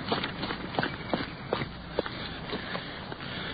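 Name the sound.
running footsteps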